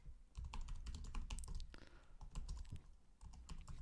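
Rapid, uneven clicking and clacking of keys on a computer keyboard, steady for a few seconds, with no voices.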